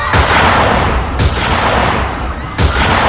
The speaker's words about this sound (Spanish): Entonces llegaron los disparos.